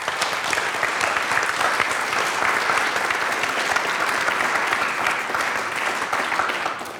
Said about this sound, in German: Also vielen Dank und vielleicht haben wir für die Kolleginnen und Kollegen noch einen kleinen Applaus.